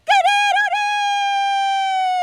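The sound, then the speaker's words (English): A radio newsreader imitates a rooster's crow, loud, with a few quick warbling notes before one long, steady, drawn-out cry that holds for about two seconds. “That actually is a great impression of a rooster.”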